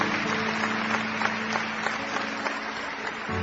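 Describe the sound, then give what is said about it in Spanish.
An audience applauds for God after a prayer in a steady, dense wash of clapping with irregular louder claps popping out, lasting throughout at an even moderate level, with no speech over it. “Y todos le damos a Él aplausos.”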